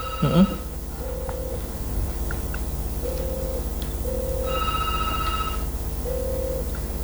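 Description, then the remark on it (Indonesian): A WhatsApp call rings with short repeated tones at a steady rhythm, plus a brighter higher beep midway, over a constant low hum. Nobody speaks. “Mungkin bisa bergabung melalui telepon WhatsApp ya.”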